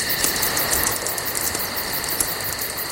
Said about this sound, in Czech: Praskání ohýnku, do toho klidně, ať ty cikády řvou klidně, hele, to já to mám rád, mě to vůbec nevadí.